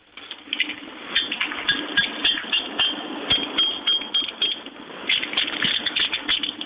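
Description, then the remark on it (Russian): Keys tap against hard objects in an attempt to play a melody, a quick, irregular series of metallic clicks and light clinks, with a few brief ringing tones, over a steady noisy background and no talking. “Сейчас попросят тебя ключи какие-то достану, чтобы было не пальцами.”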